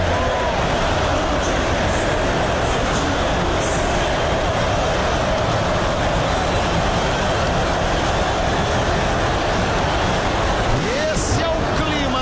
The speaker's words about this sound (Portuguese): Vamos subir o som, vamos ouvir a torcida do Galo enlouquecida na arena.